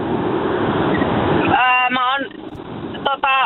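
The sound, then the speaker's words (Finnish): A steady, loud roar of road noise from inside a car driving on a motorway, with a caller's voice breaking in over the rumble partway through, sounding like it comes through a phone line. “Pistäpä formula-autos vähän hiljemmalle, niin ei kohise niin paljon.”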